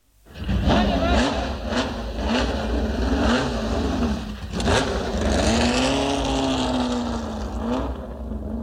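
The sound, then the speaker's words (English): A motorsport car engine revs loudly and continuously at the Lorne Estate in Holywood, home of Brownies, Guides and Rangers, where more than 200 girls took part in motorsport; its pitch repeatedly climbs and drops, with sharp bursts of throttle punctuating the steady roar over roughly eight seconds. “And that's the sound, believe it or not, that was echoing through the home of Brownies, Guides and Rangers this week.”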